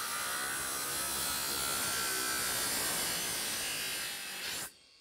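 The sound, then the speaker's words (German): An angle grinder (Flex) cuts away the grate on top of a container with a loud, harsh, high-pitched whine and hiss, dipping slightly near the end before cutting off abruptly into silence. No one speaks. “Mit der Flex läuft es deutlich besser.”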